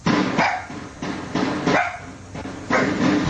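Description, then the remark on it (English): A neighbor's dogs bark repeatedly in a series of sharp, fairly loud barks, several in quick succession with short gaps, captured outdoors on security camera audio in Pikesville, Baltimore County, during a night-time double shooting, with a noisy, low-fidelity quality and no talking. “A security camera captured the sounds that sent a neighbor's dogs running.”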